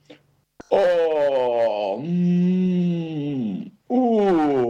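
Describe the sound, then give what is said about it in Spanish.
A voice imitates a bear that has woken in spring after sleeping through the winter, groaning long and drawn-out while stretching an arm or a leg and swaying its head: two sustained moaning sounds that slide in pitch, followed by the start of a third, loud. “Exclamaba el oso, mientras estiraba un brazo, una pata o balanceaba la cabeza.”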